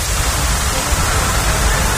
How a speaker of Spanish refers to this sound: El sonido de la intensa lluvia caída en Barcelona, donde uno de sus principales ríos, el Besós, ha llegado a multiplicar por 200 su caudal habitual.